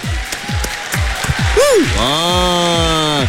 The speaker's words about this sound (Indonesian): Jadi apapun, saya nak ucap tahniahlah kepada anda yang dah berjaya buat aktiviti pada hari ini. Satu tepukan yang luar biasa untuk anda.